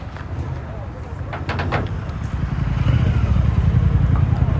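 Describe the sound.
Busy street ambience on Brick Lane in London's Banglatown, with delivery riders on bicycles racing past: a steady low traffic rumble that swells as a motor passes, brief high tonal notes partway through, and indistinct voices murmuring, residents speaking Bangla on the phone or with companions.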